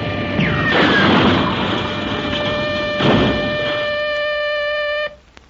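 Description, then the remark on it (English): A small plane going to pieces and crashing after a musical note hit its motor and wings, leaving the wings loose: a sustained crashing roar with bursts of impact noise near the start and around three seconds, over steady high whining tones like a straining engine, cutting off abruptly before five seconds. “The entire plane is going to pieces. It is. It is going to crash.”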